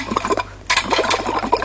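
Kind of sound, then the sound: household object, kettle boiling and hissing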